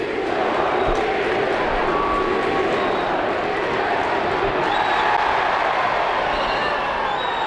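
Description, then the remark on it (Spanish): A football crowd at the Estadio de los Cármenes, during a match against Real Sporting, shouts and chants "directiva, dimisión" in a loud, steady roar demanding the board's resignation, a dense wall of massed voices that holds at an even level without pause throughout. “Falta ahora sobre Sergio Ruiz, gritos de directiva, dimisión.”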